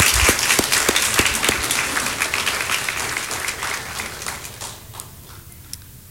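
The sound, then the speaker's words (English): A large audience breaks into a round of applause for the fathers on Father's Day, a dense wash of clapping with a few sharp individual claps, gradually fading toward the end. “Let's give these guys another round of applause and let our kids.”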